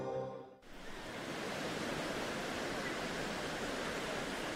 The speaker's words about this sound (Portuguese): O mar não é silencioso. Ele fala o tempo todo. Mas nem todo mundo aprendeu a escutar.